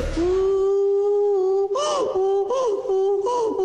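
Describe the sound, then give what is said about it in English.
In a voice note sent in as a pet impersonation, a person imitates a donkey's bray: one long, steady, moaning vocal tone, then three rhythmic wavering bursts with rising and falling pitch, loud and alone with no talking. “Is that the sound that a donkey makes?”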